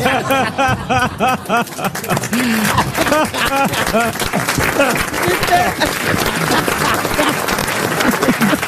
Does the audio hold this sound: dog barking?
no